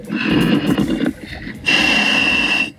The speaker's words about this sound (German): Darth Vader im Mummelsee. Jetzt hört man ihn richtig atmen.